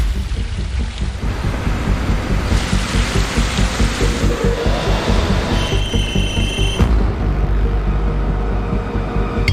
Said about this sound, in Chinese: 开孔， 在反复确认角度之后，钻孔终于开始。